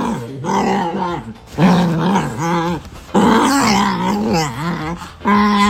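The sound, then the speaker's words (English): A small dog makes strange, warbling growls and moaning, seal-like noises in several long, loud bursts separated by brief pauses, with no one talking. “Smudge makes some of the weirdest sounds you would ever hear come out of a dog”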